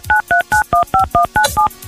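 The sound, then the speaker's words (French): A phone number being redialed: eight crisp touch-tone beeps in quick, even succession, each a short two-pitch electronic tone, loud with no voices. “On recompose le numéro de téléphone.”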